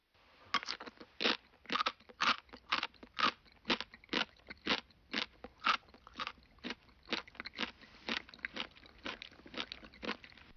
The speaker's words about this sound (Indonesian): Ini adalah bori-bori. Bunyi ketika mengunyah sesuatu yang keras.